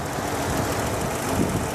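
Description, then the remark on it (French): A motor idles with a steady, rough rumble and a dense hiss, and uneven thumping knocks break through now and then. One louder knock comes near the end. No one speaks. “Ça manque un peu de fluidité, vous entendez? Boum, boum, boum.”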